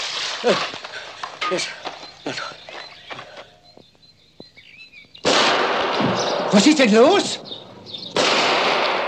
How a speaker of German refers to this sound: Sind das die Salutschüsse zur Ankunft der Majestät? Nein, Exzellenz. Die Schüsse kommen aus dem Wald, Wilderer.